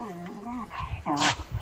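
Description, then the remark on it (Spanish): A small dog whines and yips in high, wavering cries, ending with a short sharp bark, heard fairly clearly over a faint background with no one talking. “El perrito al fondo.”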